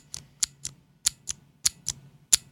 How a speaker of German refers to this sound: das kennen die meisten Leute, das sind die klassischen MX Blue von Cherry zum Beispiel. Mhm. Die scheppern so ein bisschen mehr, als dass sie klicken, aber auch, das tun sie nur beim Auslösen und nicht beim Loslassen.